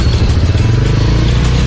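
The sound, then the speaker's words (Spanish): A motor vehicle engine revs loudly and steadily, a deep continuous rumble with a rough, throbbing texture filling the short moment, no voices present. “Dice que la imprudencia de los conductores. ¿Y qué sucedió? ¿Un accidente de tránsito?”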